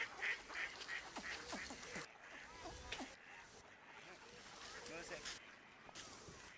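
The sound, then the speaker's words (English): Ducks quack repeatedly at a distance on a busy pond out of sight, picked up by a long-distance microphone, mixed with splashing and wing flaps on water, while faint voices of a man talking to a child are heard in the background. “The long-distance microphone revealed a busy pond somewhere, out of sight. Birds flapping in water.”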